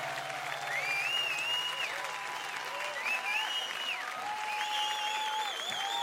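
Steady audience applause fills the whole stretch, a dense wash of clapping with a few whistles and cheers rising above it, holding a fairly even loudness throughout.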